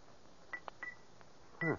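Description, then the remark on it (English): A silver pencil taps a rose crystal bell with its clapper taken out three or four times, giving short, dull, dead clicks with only a brief faint tone and no lasting ring, followed by a louder, harsher burst at the end. “It won't make anything but that dead sound.”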